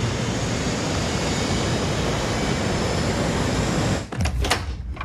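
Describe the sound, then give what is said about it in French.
A loud, steady jet-engine roar from an airplane taking off fills the scene, unbroken, then gives way to a few sharp, gusty bursts near the end. No one speaks. “J'en suis bien consciente, mais on doit arrêter cet avion.”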